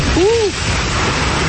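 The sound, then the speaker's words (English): Heavy rain pours down in a dense, steady hiss as a storm with lightning arrives, with a short rising-and-falling vocal exclamation near the start. “Here's the rain.”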